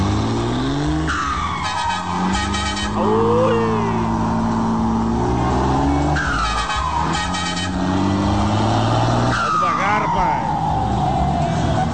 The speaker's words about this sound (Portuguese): Meu Deus do céu, passou um carro preto agora por nós aí, cara, uns 150 por hora.